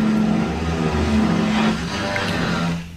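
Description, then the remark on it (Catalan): A loud, steady power drill whines continuously for about three seconds as neighbours next door drill into the wall, making a table vibrate; its motor hum drones with a slight wavering pitch before it cuts off abruptly at the end. “Crec que són els veïns. Pot ser la Jodi, els veïns aquí al costat. Podríem fer el podcast de Black & Decker”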